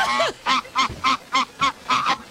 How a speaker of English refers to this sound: What? Is he laughing? That was an instrument. Harmonica.